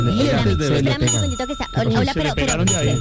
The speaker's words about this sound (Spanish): Pero suéltelo un poquito. Suéltele ese timbre, se le pega. Me lo van a quemar un día de esto sola, no friegue.